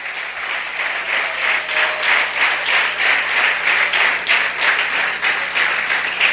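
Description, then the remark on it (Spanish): Steady, sustained applause from a large audience applauding the Creator, many hands clapping densely and continuously for several seconds at a fairly loud, even level, with no talking over it. “Dale un aplauso al Creador.”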